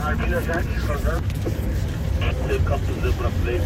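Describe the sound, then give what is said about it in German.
A safari vehicle's engine rumbles steadily throughout, a deep continuous drone with wind-like noise, while faint, muffled voices murmur over it. “Anders als zum Beispiel der Motorenlärm des Autos oder das Krächzen der Funkgeräte.”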